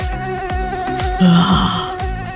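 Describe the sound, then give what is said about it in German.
A continuous high-pitched mosquito whine drones for a couple of seconds, swelling louder midway, with soft low thumps pulsing regularly underneath; a mosquito buzzing around a sleeper's ears through the night. No one speaks. “wie die Mücke letztlich da gelandet ist, nachdem sie mir gefühlt die ganze Nacht um die Ohren gesummt ist”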